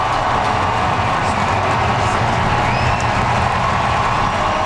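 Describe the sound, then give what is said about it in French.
A large stadium crowd at a Blue Jays baseball game applauds and cheers steadily as outfielder George Springer leaves the game in the third inning, a dense, continuous roar of clapping and voices from start to finish with no individual speech standing out. “Et du côté du sport, le voltigeur des Blue Jays, George Springer, est sorti du match en troisième manche sous une pluie d'applaudissements.”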